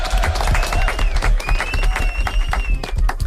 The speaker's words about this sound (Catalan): Ho heu fet superbé. Aplaudiments.